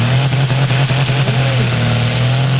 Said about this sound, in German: Ein Traktor nach dem anderen hat es versucht, einen mehrere Tonnen schweren speziellen Bremsschlitten eine Strecke von 100 Meter weit zu ziehen.